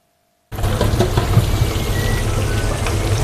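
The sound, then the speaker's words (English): A steady, dense crackle and hiss of chips frying in hot fryer oil at the Fryer's Delight chip shop in London at lunchtime, continuous, with a low hum underneath and no voices. “It's lunchtime at the Fryer's Delight. And the fryers are delightfully busy.”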